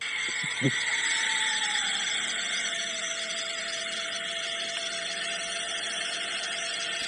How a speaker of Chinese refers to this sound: 您帮我看一下这个声音对不对啊？这个是沃尔沃 XC90。我让昆明这个店的这个技术总监看一下啊，这个声音确实大啊，确实大。